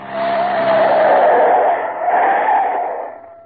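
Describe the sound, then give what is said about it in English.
A car skids hard through a tight turn, doing a full turn in its own length, its tires letting out a loud screech that holds for about three seconds before tapering off. No one speaks. “You watch, I'll do a full turn in the car's length. Back she goes.”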